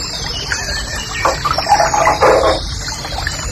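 A nightingale sings a quick run of bright, varied warbled phrases over the steady, rushing hiss of a waterfall, which fills the background throughout.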